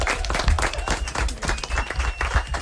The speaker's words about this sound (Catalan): Molt bé, fort aplaudiment.